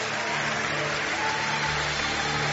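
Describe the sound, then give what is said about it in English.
An audience claps for Jesus after a prayer, a dense, steady wash of many hands beating at once with no single claps standing out. It holds at an even, fairly loud level, with a faint low hum underneath and no talking. “Give him a big hand clap.”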